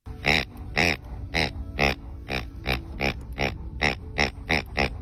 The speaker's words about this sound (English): So every toy my dogs have makes a squeaking sound, right? High-pitched squeaking sound. My wife brings home these two pigs that make this, like, deep, guttural, oinking sound.